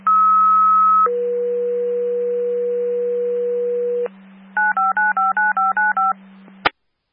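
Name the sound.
radio dispatch paging tones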